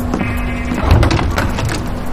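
A door opens with a low thud and scraping, rattling clatter, set against a steady background hum that persists throughout.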